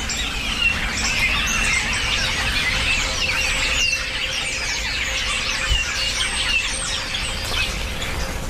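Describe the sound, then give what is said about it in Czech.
A flock of birds, which gather in flocks at this time and forage for insects around cows on pastures, calls continuously: a dense chatter of overlapping high chirps, whistles and squeals that never pauses, with a steady low rumble underneath and no one speaking. “Oni se teď dávají do těch hejna, těší se na třešně, které ale nejsou, tak chodí hodně po pastvinách a sbírají hmyz, co je kolem krav.”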